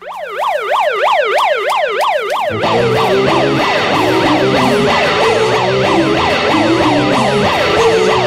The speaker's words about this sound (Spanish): Y así, con este sonido de alarma, empiezan los Tiny Desk Concerts, los famosos hechos por NPR Music.